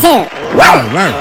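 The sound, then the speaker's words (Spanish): A person imitates a dog, giving a few loud bark-like yelps in quick succession, voiced and wavering like a human voice rather than a real dog. “¿Sabes cómo hace un perro?”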